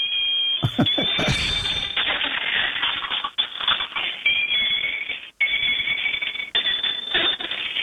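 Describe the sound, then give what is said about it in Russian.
A moving toy bicycle, whose rider figure pedals with its legs and wears a cow's head, gives loud electronic beeping and shrill warbling tones almost nonstop, mixed with rapid mechanical clattering and clicking, broken only by a couple of brief dropouts. “Есть велосипед, который едет и издает звуки.”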